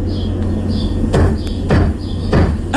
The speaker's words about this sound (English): she stands on a chair, has a broom with the handle, and she kind of gives the ceiling a little knock. And then she waits.